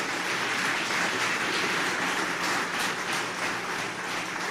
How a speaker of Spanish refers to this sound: Denle un fuerte aplauso a la gloria a Dios por esas vidas, hermano, que están escuchando.